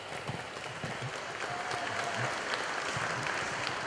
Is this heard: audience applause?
yes